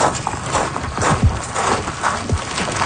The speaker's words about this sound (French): vous entendez des roches tomber.